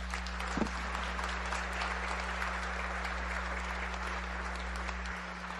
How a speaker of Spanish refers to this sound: Démosle un aplauso a Jesús que nos llama.